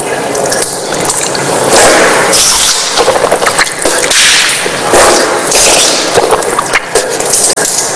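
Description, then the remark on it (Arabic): Loud splashing and sloshing of water with a steady rush underneath from a tap opened slightly, broken by sharp bursts as water taken in the right hand is rinsed through the mouth and nose during ritual ablution and blown out into the left hand. No one speaks. “تمضمضت يعني الماء لما أخذته بيدي شيء دخل إلى الفم وشيء دخل إلى الأنف، ثم نثرت بيدي اليسرى.”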